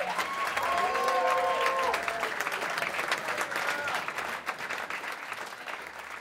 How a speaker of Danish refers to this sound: Ja, sådan her klapper altså et yderst tilfredst publikum.